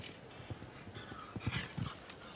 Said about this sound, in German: Oh, da war das Pferd so ein bisschen in sich schüchtern beim Absprung, hatte ich den Eindruck.